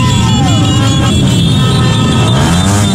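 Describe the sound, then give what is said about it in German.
A loud, continuous roar of car and motorcycle engines revving and droning together, with rising and falling engine whines over a dense rumble. It is a celebratory car and motorcycle convoy in Ecuador after the national football team's 2-1 World Cup win over Germany. “Auto- und Motorradkorsos in Ecuador gerade.”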